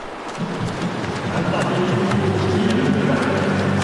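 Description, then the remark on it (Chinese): Steady, dense splashing and churning of pool water from swimmers stroking and kicking in a university men's 50-metre backstroke final, a continuous crackling wash of sound with a murmur of voices underneath. “我们可以听到现场的这个通气声啊，运动员啊，滑笔、打水的声音噼啪啦的，可讲竞争程度是相当的激烈。”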